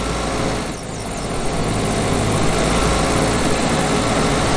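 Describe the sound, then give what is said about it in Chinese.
A mowing machine's engine runs steadily outdoors as a meadow is mowed on a sunny day with a light breeze, a dense, unbroken mechanical drone with a brief dip near the start before holding at a constant, fairly loud level. No voices. “突然，草地上响起了发动机的声音。”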